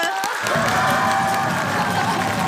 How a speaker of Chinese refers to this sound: 同时我们也要用热烈的掌声欢迎咱们的新朋友叶童老师。